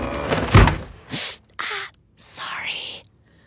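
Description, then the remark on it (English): Drawers and closet doors slide and bang shut in quick succession as a woman gets dressed for an early meeting, in a California Closets radio ad, fairly loud: one sharp slam, then a few shorter scraping, rattling closures with brief pauses between them. “Take this moment of a woman getting dressed for an early meeting while her husband's still asleep.”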